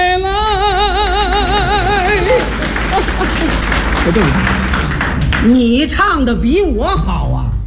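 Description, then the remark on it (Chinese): Audience applause rolls steadily beneath a man singing a melody with wide vibrato, the clapping forming a dense, even wash of noise throughout, with sung phrases rising and falling over it. “来那人怎么给你鼓两回掌啊？”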